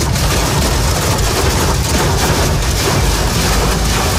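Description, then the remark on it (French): Hailstones from a morning storm hammer a motorist's car windshield on the Lyon ring road (périphérique lyonnais), France, in a loud, dense, unbroken clatter, countless hard impacts blurring into a roaring drum with no pause and no voices. “Les images et le brouhaha des grêlons sur le pare-brise de cet automobiliste ce matin sur le périphérique lyonnais.”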